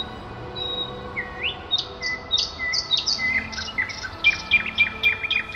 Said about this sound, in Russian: И при этой заре начинали петь соловьи. Их было много, но слышалась каждая трель, каждый посвист. Казалось, по багряному полотну катятся горсточки небьющихся стеклышек.